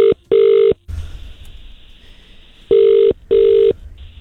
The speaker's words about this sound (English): I think he's avoiding us. Pick up the damn phone.